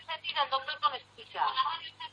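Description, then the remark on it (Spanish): A radio plays in the background at the caller's end of a phone line, its voices tinny and band-limited, coming through continuously at a moderate level with a steady low hum underneath. “Tiene una radio ahí, ¿no, María?”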